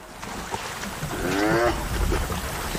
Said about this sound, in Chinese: 在野生动物观赏之旅中，斑鬣狗常会让游客们看到极为震撼的画面。这两只斑鬣狗为什么打架？